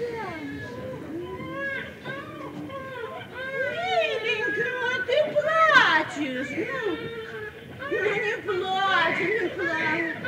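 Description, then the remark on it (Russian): A small child cries and whimpers for several seconds, with wavering, high-pitched wails that swell and fade, rising into a louder sob near the middle. “Ну не плачь, мой сладенький, не плачь, мой сахарный, ну перестань, слышишь?”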